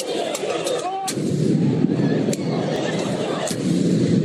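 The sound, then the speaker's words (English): Fireworks bang sharply several times at irregular intervals outside Madison Square Garden, over a dense, loud roar of a street crowd celebrating a Knicks win, with voices shouting and whistles cutting through the din. “There were taxi and car windshields all smashed up with people climbing on top of them and box trucks damaged, city bikes destroyed, and fireworks set off all outside of Madison Square Garden.”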